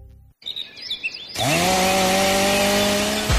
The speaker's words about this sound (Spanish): ¿Ramas rebeldes? ¿Leña para el invierno? No pierdas el tiempo. Siente el verdadero poder del corte con la tecnología y precisión de las motosierras Steel.